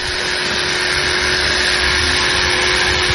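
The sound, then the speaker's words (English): Electric clippers buzz steadily and loudly, a continuous motorized hum with a bright, hissy edge that holds without a break as a horse's mane is shaved at a small farm where horses are prepared for pato practice. “Their manes are shaved.”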